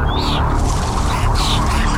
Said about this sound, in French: D'un seul coup, il y a, je sais pas, une dizaine d'oiseaux qui débarquent autour de moi.